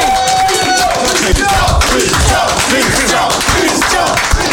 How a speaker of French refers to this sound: Merci, on l'applaudit bien fort, s'il vous plaît.